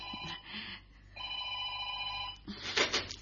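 A telephone bell rings in two long, steady bursts with a short pause between, clear, followed by a brief rustle of movement at the end.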